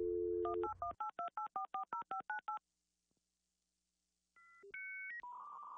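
A steady telephone dial tone, then a quick rhythmic run of about ten keypad beeps, a short silence, a few rising electronic tones and another continuous tone. Clear, with no talking.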